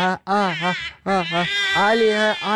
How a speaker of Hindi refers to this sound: वो बच्चा बहुत ज्यादा रो रहा है।